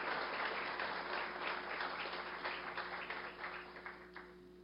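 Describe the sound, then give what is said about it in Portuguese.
An audience applauds, praising God for the president of the Council of Pastors of the city of Ibiúna and his wife, in a dense, steady wash of clapping that holds for several seconds, then gradually thins and fades toward the end, with a faint low hum underneath. “Aplaudimos a Deus pela vida dos amados.”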